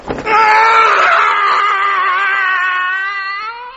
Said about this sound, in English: The regular early morning yell of horror.